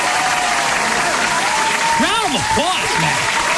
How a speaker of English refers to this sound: Round of applause.